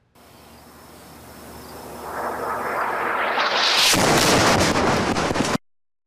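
An Israeli airstrike in southern Lebanon during a live broadcast by an Al-Manar journalist: a rising, rushing roar swells for a couple of seconds, then a loud explosion bursts into a harsh, crackling blast of noise that rumbles on before cutting off abruptly. No one speaks.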